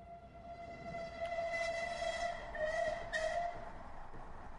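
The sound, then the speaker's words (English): A train in London rumbles steadily along the rails while its horn sounds in a few sustained, wavering blasts, fairly loud, with no voices. “The two men traveled by train to the opposite side of London.”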